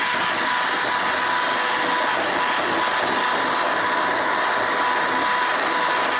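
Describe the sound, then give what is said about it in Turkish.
An electric mixer whirs steadily as it whips egg whites, a loud, continuous motor whine with a dense hiss that holds without pause throughout. “Yok, mikserle devam edeceğim.”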